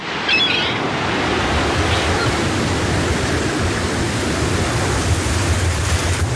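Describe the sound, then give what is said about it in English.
Rough, churning water with waves crashing steadily in winter wind conditions, a dense wash of noise whipped by strong wind buffeting the microphone, loud and continuous throughout with no voices. “In seconds, winter wind conditions on the water can turn unforgiving.”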